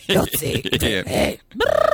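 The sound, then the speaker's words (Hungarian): A human voice imitates the pigeon language an owner uses with a pigeon, a loud run of burbling, throaty warbles, a brief pause, then a rapid pulsing coo-like trill. “Igen, úgy kézzelem, hogy a gazda, hogy a galambnak van ilyen saját nyelve a gazdája, van ilyen kis tájszólása.”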